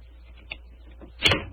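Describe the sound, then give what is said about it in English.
A skeleton key turns in a door lock with a small metallic click, then a louder clunk follows as the door is pulled open, brief, with no one speaking. “Is the door locked? Yes, but I think the skeleton key will do the trick.”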